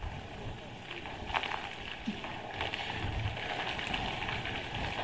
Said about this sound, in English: All right, so as we come back live to our camera again, we're just dealing with these winds. Of course, the rain is associated with that too